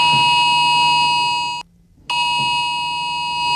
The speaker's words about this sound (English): Millions of mobile phones across England and Wales sounded an emergency alarm last night, warning of a very high risk of wildfires.